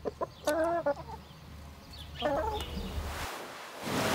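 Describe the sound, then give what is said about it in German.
Chickens being vaccinated against Newcastle disease near Friedland cluck in two short bursts of harmonic, squawky calls over a steady outdoor background hum, with no talking. “Hühnerimpfen geht übrigens ganz einfach.”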